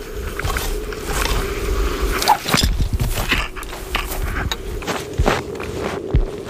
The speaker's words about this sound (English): These are our first few steps onto the sea ice. Definitely feels a bit nerve-wracking, knowing that there's a couple hundred meters of water underneath us.